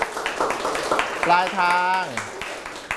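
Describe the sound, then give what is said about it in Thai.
A classroom group claps for a classmate who has just finished presenting a summary of a folk tale, a loose scatter of quick hand claps that continues as a voice speaks briefly in the middle. “จบแล้วปรบมือให้เพื่อน”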